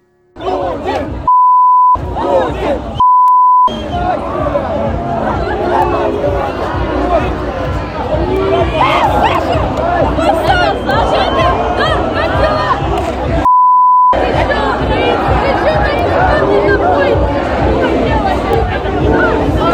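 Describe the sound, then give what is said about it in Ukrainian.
A large crowd of young people chants loudly and continuously a chant about Putin on the anniversary of Ukrainian independence, backed by bikers' engines and horns, amid dense background noise. Three short, steady beeps, each with a brief cut of silence around it, break in early on and again near the end. “Ну і як їх підтримували моторами, клаксонами, байкери.”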